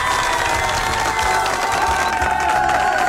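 A studio audience claps and cheers loudly and steadily for about three seconds, a dense wash of applause with whoops and shouts rising through it and no one speaking.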